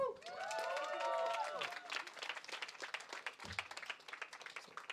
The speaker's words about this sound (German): Daher nochmal Applaus, bitte.